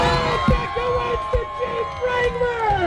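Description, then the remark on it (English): A crowd cheers and shouts excitedly at the moment a winner is announced in a Jeep Wrangler giveaway, overlapping voices and high whoops blending into a loud, continuous roar of celebration for a few seconds. “Very exciting, nice size crowd there and all of that kind of stuff.”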